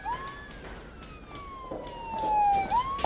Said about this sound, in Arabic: قلت لك هي شرطه مو اسعاف.